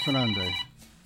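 A telephone rings once, a short, loud electronic tone lasting about half a second, then cuts off into quiet.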